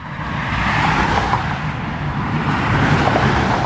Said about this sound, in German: Noch rollt der Verkehr auf Sachsens Autobahn. Das könnte am Wochenende aber schon ganz anders aussehen.